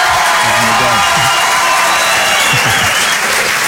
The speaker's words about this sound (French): Ça compte pour les droits d'auteur, ça, ou pas, les applaudissements?